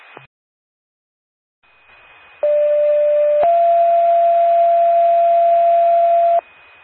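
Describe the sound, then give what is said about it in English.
A Macoupin County 911 paging system test, paging Prairieland Ambulance, sends out two loud, steady, buzzy tones in sequence, a short lower one stepping up to a longer, slightly higher one, after a brief blip and quiet hiss. “This is a test on the Macoupin County 911 paging system.”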